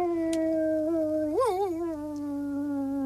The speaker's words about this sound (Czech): U hájovny seděl pes Rek, hlavu vzhůru a představte si, nebojácně vil přímo na měsíc.